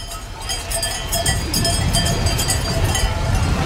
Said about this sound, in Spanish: Las ovejas van cada vez más rápido, aunque el camino vuelve a ser muy difícil.